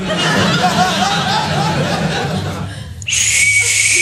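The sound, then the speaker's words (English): Crowd laughter fills the first few seconds, fading briefly before a loud, shrill blast from a rape whistle cuts in and holds steadily through the final second. “I just put one on my rape whistle.”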